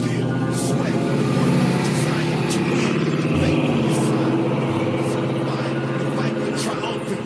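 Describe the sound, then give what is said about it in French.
A big car engine drones steadily while driving, a deep, continuous rumble with layered low tones that holds at an even loudness throughout, with faint higher rattles and wind noise on top. “Sur ce genre de gros moteur, il faut vraiment avoir un œil précis.”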